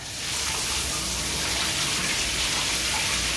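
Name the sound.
running shower water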